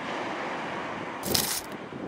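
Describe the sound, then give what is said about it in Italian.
Sea waves rush steadily with a hissing wash, then one brief, brighter surge of surf breaks midway before settling back to the constant roar. No voices are heard. “Vediamo, o meglio sentiamo, se si sente il mare.”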